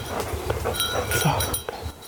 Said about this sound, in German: Such und Hilf! Jetzt hört man schon am Glöckchen, dass er kommt.